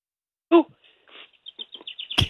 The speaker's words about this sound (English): Why do I hear birds tweeting in the background? What do you got going on there? I got the door open. Yeah. Those damn birds.